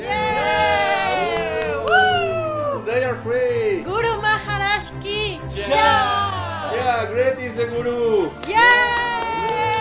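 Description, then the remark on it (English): A huge crowd waiting outside Gwalior Gate cheers as freed prisoners cross its threshold, many voices raised together in sustained, tuneful shouts and cheers, rising and falling in pitch in continuous waves with no pauses. “A huge crowd was waiting outside, watching and cheering this glorious scene.”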